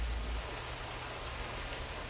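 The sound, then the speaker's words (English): Steady rain falls outside an open garage in a dense, even patter, a continuous hiss of drops striking hard surfaces, with a low rumble underneath and no voices. “It's like one of my favorite parts of having to open a garage is when it starts raining like that.”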